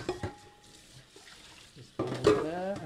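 Dishes clink and clatter close by, with a couple of sharp ringing knocks at the start, quieter handling in the middle, and a louder burst of noise near the end.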